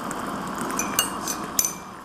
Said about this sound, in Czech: Tak, my si nachystáme to kafíčko. Voda už nám vaří.